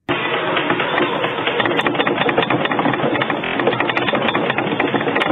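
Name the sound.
earthquake rumble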